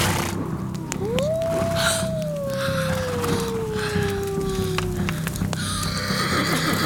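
A horse lets out a long, drawn-out neigh that slowly falls in pitch, while sharp hoof clops sound irregularly throughout against a steady outdoor background.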